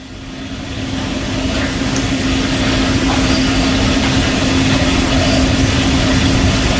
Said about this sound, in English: But are they miking the pump? I don't know. I don't think so. They put it on here. They labeled it white noise, like it's supposed to be.